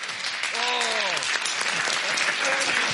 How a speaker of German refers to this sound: Und ich bin so stolz und so froh, dass ich diesen Mann heute hier zu Gast habe. Herzlich willkommen mit einem großen Applaus, Henning Krautmacher.